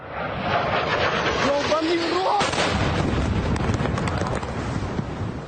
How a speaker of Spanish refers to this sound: Esa fue la tremenda explosión en la ciudad de Cheboksary. Por ahora se reportan 3 personas heridas, pero ninguna víctima mortal.